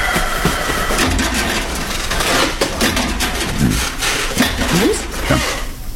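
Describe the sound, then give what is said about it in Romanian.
A wooden bed creaks, its slats giving several short, rising and falling squeaks over a steady rustling, scraping noise that runs throughout. “Iar a scârțăit ceva. Da, cred că sunt tarturile de la pat.”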